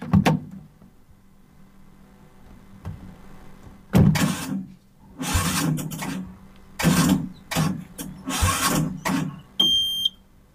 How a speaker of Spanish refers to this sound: ¿Qué le pasa a este auto que no arranca?